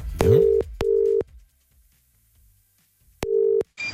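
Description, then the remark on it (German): Telephone tones over a line as a call is placed to a petrol station: two short steady beeps in quick succession, a pause of silence, then another beep, followed by a brief click as if the call connects. “Am Telefon, zum Beispiel an der Tankstelle, wo es ja momentan auch zugeht wie im Taubenschlag.”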